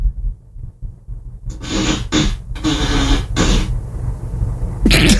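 A fart sound effect played by an Alexa smart speaker on request: a low rumbling drone broken by several loud, sputtering bursts over about two seconds, then a brief final blast. No one speaks.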